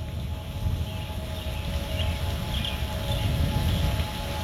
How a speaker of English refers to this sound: In the background, you are listening to ominous tornado sirens from the user Bobby Lee on freesound.org. In the description, Bobby Lee writes, "So, we had a tornado warning here in West Virginia at roughly 6 a.m. this morning.